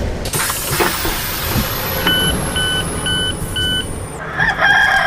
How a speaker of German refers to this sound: Und Station Nummer 3 war dann Bremen. Was kam da? Das Krähen von einem Hahn.